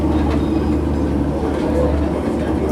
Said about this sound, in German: Das niedrigere Rumpeln liegt, soweit ich weiß, auch daran, dass wir gerade auf einem eingebetteten Asphaltgleis stehen